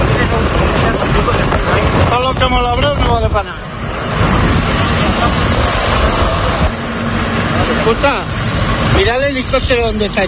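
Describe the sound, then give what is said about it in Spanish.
Loud, steady rumble of a column of several tractor engines advancing to cut new firebreaks against a wildfire, with heavy wind buffeting the microphone and a helicopter's drone overhead; voices call out briefly in two bursts. “La escena que escuchas es la de una columna de tractores que avanza intentando crear nuevos cortafuegos”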